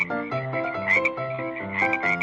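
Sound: frogs croaking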